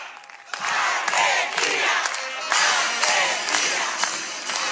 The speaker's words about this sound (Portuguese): Vamos, Argentina, vamos ganhar. A emblemática cantiga da torcida argentina que ecoa nos estádios, desta vez é executada por uma banda militar. Estamos no Festival de Bandas Militares como parte das celebrações pelo Dia da Independência da Argentina